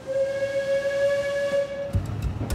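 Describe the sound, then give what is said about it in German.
A diesel locomotive at the front of a train on the Alishan Railway, hauling it uphill on the upper track after reversing out of a stub track, gives one long, steady, mid-pitched horn blast lasting about two seconds, then its horn stops and low rumbling with sharp metallic clanks continues. No one speaks. “Die Diesellok ist nun vorne und zieht den Zug auf dem darüberliegenden Gleis bergauf.”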